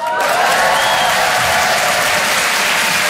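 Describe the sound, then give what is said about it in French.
A crowd applauds steadily, a dense wash of clapping hands filling the whole stretch at a loud, even level, with no voices standing out above it. “Que les gens l'applaudissent, c'était facile.”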